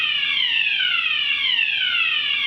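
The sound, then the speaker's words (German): A fire alarm blares continuously, a loud, shrill electronic tone that repeatedly sweeps downward in pitch, with no voices over it. “Feueralarm!”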